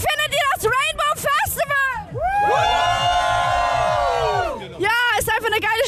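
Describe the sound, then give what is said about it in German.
A loud crowd of many voices at the Rainbow Festival at Fühlinger See in Cologne, Germany, on a hot day, cheers and shouts, with a long sustained roar of yelling in the middle and bursts of excited, high-pitched whooping before and after. “Also ihr hört's, die Stimmung hier beim Rainbow Festival in Köln am Fühlinger See ist richtig klasse.”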